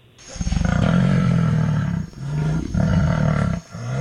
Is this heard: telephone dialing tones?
no